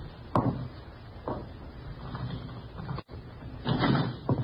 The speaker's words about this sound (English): Open the door.